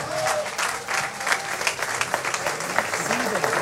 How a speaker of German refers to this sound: Kräftiger Applaus